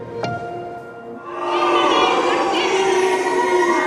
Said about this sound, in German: Buhrufe für Kanzler Merz auf dem Kongress des Deutschen Gewerkschaftsbundes, Buhrufe von Demonstranten vor dem Kanzleramt